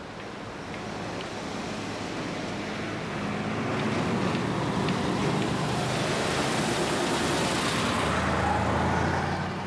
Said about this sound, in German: Dies gilt auch für den Gütertransport auf den Straßen nach Hongkong. Täglich wälzt sich eine Lawine von 80.000 Lastwagen von der einen Metropole in die andere.